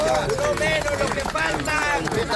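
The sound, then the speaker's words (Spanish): Neighbours clap and shout at once as a survivor is pulled from rubble in Venezuela, a son's shouts among them, loud excited voices rising over a dense patter of applause that continues without a break. “Así, entre los gritos de su hijo y aplausos del vecindario, su mujer no pudo ser rescatada con vida.”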